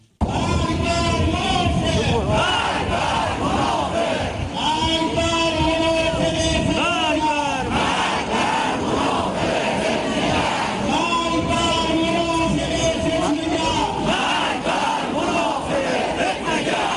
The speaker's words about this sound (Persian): برگزاری ضد تظاهرات با عربده‌های مرگ بر منافق در همدان و تهدیدهای سرکوبگرانه قضائیه جلادان.